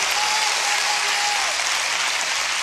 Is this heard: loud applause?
yes